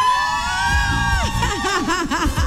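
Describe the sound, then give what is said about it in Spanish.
A crowd of women, listeners of radio station La Reina 95.5, shouts and cheers loudly and continuously to win a groceries (market) prize, with high voices rising and falling in repeated whoops over a dense babble of voices. “¿Dónde está la que más grite le da hoy al mercado de primera?”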